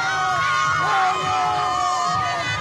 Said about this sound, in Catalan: No hi ha paraules, hi ha celebració, crit.